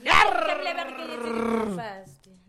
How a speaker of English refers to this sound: Dog.